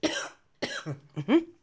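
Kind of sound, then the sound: human body sound, cough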